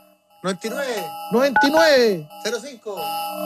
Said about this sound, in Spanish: Oye, pero ¿por qué esta alarma? Como si tengo que marcar para que un WhatsApp corta. Da peligro. Ahí está sonando.